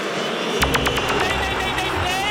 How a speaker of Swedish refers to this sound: Och ni hör vad publiken i Boston, Massachusetts, tycker om de första 25 minuterna. Det tycker de inte om.